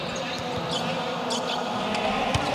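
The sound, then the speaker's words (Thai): A volleyball is spiked hard straight down onto the floor, a few sharp slapping thuds standing out over a steady, loud wash of crowd noise and murmuring voices. “ลูกนี้โอ้โหตบกดลงไปตรงๆเลยครับ”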